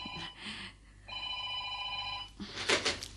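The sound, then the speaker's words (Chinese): A telephone bell rings in two bursts, a short ring and then a longer steady one, fairly loud, followed by a brief clatter of noise. “阿恒啊，听电话啊。”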